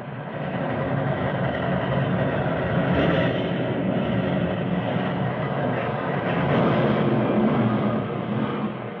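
A train roars past in a loud, continuous rumble with a rattling, clattering texture, swelling slightly a couple of times over nine seconds, with no voices.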